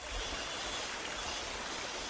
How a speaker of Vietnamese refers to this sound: Tiếng róc rách của dòng suối nhỏ chảy ngang bản, xen lẫn tiếng cọ rửa bồn ngâm bằng gỗ vang lên lạch cạch đều đặn. Đó là những âm thanh quen thuộc bắt đầu một ngày mới tại Hợp tác xã Cộng đồng Dao Đỏ ở Tà Phìn, Lào Cai.